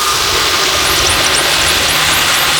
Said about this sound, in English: Sometimes if I hit a bit with a lot of noise pollution and a lot of engine noise, I have to like take a break and take the headphones off for a bit because it's just a lot.